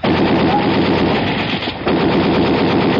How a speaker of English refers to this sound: I'm going to blast the lock on the door.